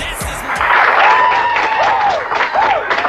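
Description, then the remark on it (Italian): Loud, steady audience applause for a musician, from the trailer for Clint Eastwood's film Bird, fills the whole stretch, a dense clatter of many hands mixed with crowd murmur and a few rising-and-falling whistles cutting through. “Signore e signori, un applauso per l'uomo del secolo.”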